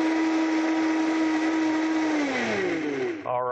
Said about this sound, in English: And we are going to go ahead and blend this up. And this is a great thing. You can make this in under a minute. We'll get it going there and blending.